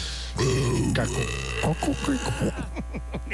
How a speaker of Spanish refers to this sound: Un eructo horrible. Ya, perdónenos, por favor.